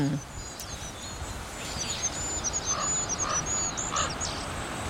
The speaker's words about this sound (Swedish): Det är så ljust. Ja. Kungsfågens sång är så långt ifrån kungssången man kan komma. Och inte mycket att yvas över. Den lilla ramsan hinner inte stort mer än börja förrän den tar slut. Fågeln kommer liksom av sig.